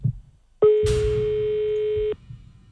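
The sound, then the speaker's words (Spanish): A single long telephone ringback tone, a steady mid-pitched beep lasting about a second and a half, heard over a line while calling a grandmother and waiting for her to answer, with faint background noise before and after. “Doncs bé, que tornem a trucar a Lourdes, a l'àvia.”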